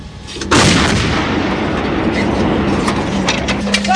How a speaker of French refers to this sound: Oui, le moteur tournant, ce qui permet de s'exfiltrer au plus vite après le tir. Donc là, actuellement, le canon est réglé pour tirer à courte portée à 7 km. Notre pièce attend l'ordre de tir de notre poste de commandement batterie.